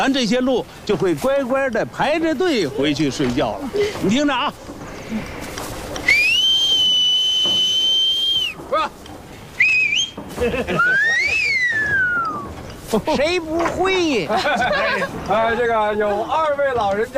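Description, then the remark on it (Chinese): A person gives a loud, sustained whistle lasting a couple of seconds, followed by shorter swooping whistle calls, with people talking before and after. The whistle is a signal at the end of the workday, calling the herd down from the mountain to line up and go back to sleep. “下班的时候，我一个口哨。”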